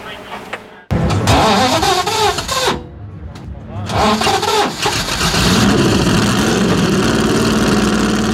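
A car engine kicks to life about a second in and revs loudly, its pitch swooping up and down, pauses briefly, then revs again before settling into a steady roar.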